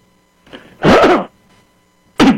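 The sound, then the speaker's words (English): A caller on a phone line clears their throat with a rough, gravelly rasp, then a second short throat-clearing burst follows after a pause. Both are fairly loud, with no talking. “I hear you clearing your throat.”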